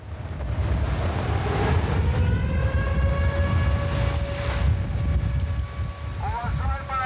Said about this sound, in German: Ein stürmischer Tag, aber ansonsten scheint alles ruhig zu sein. Doch dann Luftalarm, mitten am Tag. Offenbar stört das ja niemanden. Der Sound hier in diesem Sommer, Meeresrauschen mit heulender Sirene.